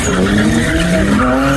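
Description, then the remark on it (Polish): A car drifts with a loud, sustained tire squeal, its pitch wavering and sliding over a revving engine, continuous for the whole moment, with no one speaking, during a drift show at the Targi Kielce trade fair in Kielce, Poland. “Będą pokazy driftu, a na wystawie najdroższe auta.”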